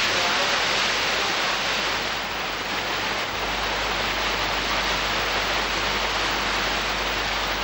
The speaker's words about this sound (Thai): ลึกลงไปในหุบเขาของยอดดอยภูรังกาคณะสำรวจได้พบกับธารน้ำเล็กๆอันเป็นที่มาของต้นน้ำคะก่อนจะขยายสายน้ำลงไปตามชั้นหินสู่เบื้องล่าง